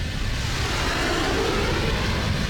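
A steady, loud roar of two airplanes flying only about 50 meters apart, a dense rumbling drone with a rushing hiss on top, unbroken and unchanging in level throughout, with no voices.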